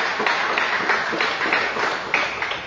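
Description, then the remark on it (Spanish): An audience gives a loud round of applause for Christ, clapping steadily: a dense wash of many hands with faint rhythmic pulses, fairly loud and sustained without speech over it. “Dale un fuerte aplauso para Cristo con alegría.”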